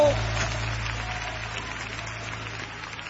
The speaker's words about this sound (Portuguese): Aplausos para o Rei dos Reis.